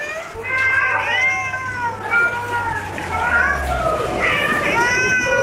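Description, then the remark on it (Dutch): Several cats meow and yowl over one another in overlapping, wavering cries, loud, with a low steady hum underneath throughout. “Ja, zo klonk dat dus ongeveer.”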